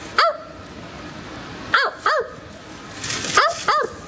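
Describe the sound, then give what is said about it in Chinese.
Five sharp, bark-like calls of a small owl in uneven spacing, each a short harmonic yelp that sounds much like a dog barking, clear against a quiet outdoor background. “还有一种，你还有一种声音像狗叫一样，”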